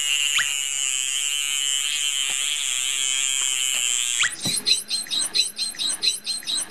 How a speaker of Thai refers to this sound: เราจะเห็นได้ว่าเสียงของโลมาเสียงจะเบากว่าจะเล็กกว่าคล้ายๆเสียงนกนะครับ